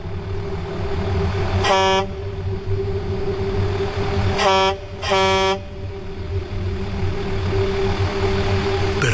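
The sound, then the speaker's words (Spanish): A tractor-trailer truck's air horn blares three short, loud blasts over a steady idling engine rumble: one toot, a pause of a few seconds, then two quick blasts close together, sounded by the driver to signal that it was time to leave. “Hice sonar las cornetas de aire solo 3 toques con el claxon para avisarle que ya era hora de irnos.”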